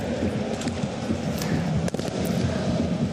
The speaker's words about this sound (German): Also hier ruht das Ganze noch. Wir warten hier das Feuerwerk ab. Das ist aber auch gar nicht so schön, muss ich sagen.